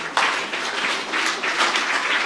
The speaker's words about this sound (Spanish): Recibamos a … con fuertes aplausos.